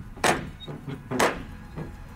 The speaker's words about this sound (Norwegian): Oi. Sånn gammel dørklinke. Sånn skikkelig sånn ring sånn i metall som ja. Du kan slå med. Helt riktig. Stor, brun ring.